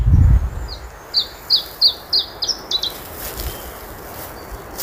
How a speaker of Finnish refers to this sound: Tässä laulaa harvinaisuus. Se on Suomeen harhautunut Iberian tiltaltti.